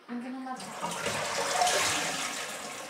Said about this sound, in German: Wenn ich öffne, guck mal, die ganze Zeit läuft das Wasser.